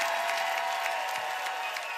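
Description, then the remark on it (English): A live audience at the East Coast Music Hour Song Camp in Fredericton, New Brunswick claps in a dense, steady wash of applause, many hands overlapping into a bright crackle that holds at an even level throughout, with a faint crowd murmur underneath. “Let's hear some noise in the house.”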